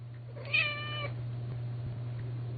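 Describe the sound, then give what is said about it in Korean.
A single drawn-out cat meow, clear, lasting about half a second over a steady low hum, followed by quiet background noise; the cry comes from the direction of an empty comfort station. “텅 빈 위안소 쪽에서 고양이의 울음소리가 들려왔다.”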